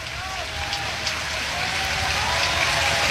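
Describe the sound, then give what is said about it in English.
A baseball stadium crowd at Charles Schwab cheers on Yasa early in the top of the first inning of a Michigan game, a steady, continuous roar that swells slightly louder toward the end, a dense wash of many voices with no single voice standing out. “Hear the crowd here getting behind Yasa early in the top of the first, just underway here at Charles Schwab.”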